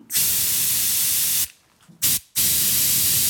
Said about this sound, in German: Dieser Sprühstoß klingt etwa wie ein Pfefferspray klingen würde, wenn wir es wirklich sprühen würden. Man kann sich das so vorstellen wie bei einer Wasserpistole. Da kommt ja auch ein ganz fester Strahl vorne raus und so ist es auch beim Pfefferspray